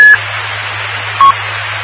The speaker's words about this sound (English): I still hear the Roger beep, I think.